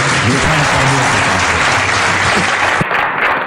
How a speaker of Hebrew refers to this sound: פה אנחנו נכניס מחיאות כפיים של קהל במקום אחר.